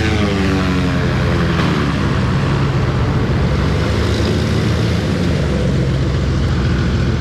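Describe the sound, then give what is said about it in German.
A propeller aircraft that has just landed roars steadily, its propellers still spinning very fast, engines droning with a dense, buzzing hum and harmonic whine that shifts slightly as the plane taxis, with no voices. “Jetzt landet er gerade hier und die Propeller drehen sich noch sehr, sehr schnell.”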